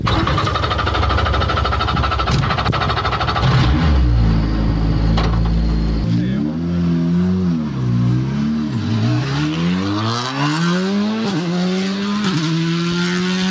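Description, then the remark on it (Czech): The engine of a Škoda Fabia RS Rally 2 rally car roars loudly, revving and accelerating through repeated rising gear pulls on a test track, the pitch climbing and dropping with each shift over steady road and wind noise; top speed reached was 187. “Je to Fabia RS Rally 2, nejnovější auto od Škodovky, vyhrává to závody mistrovství světa, rozhodně jedno z nejlepších auto na světě ve své třídě.”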